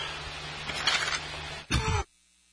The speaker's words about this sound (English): Now, later that day, sorry, having a little coughing fit.